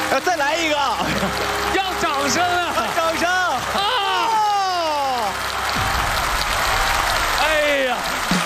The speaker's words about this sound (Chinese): 最后一个，咱们最后一个，再来点鼓励，好不好？掌声鼓励鼓励！ 我们马上要成功了，还剩几块？